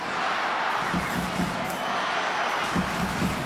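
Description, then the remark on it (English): A large stadium crowd at Hunter Stadium roars before kick-off in a steady, dense wash of noise, with scattered shouts rising briefly from the mass of cheering voices. Nobody speaks clearly over it. “Listen to the crowd here.”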